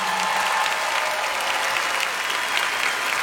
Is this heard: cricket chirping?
no